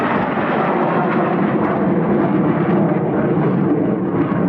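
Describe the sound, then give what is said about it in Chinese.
A stealth fighter jet flying low over an airfield, its very distinctive engine roaring loudly and steadily throughout, a dense rumbling wash with a hissing upper edge, holding its level for the whole stretch with no voices over it. “隐身歼击机过来了，低空通常，低空通常，同样是一个非常独特的发动机声音，两边拉出了涡流，拉起来了。”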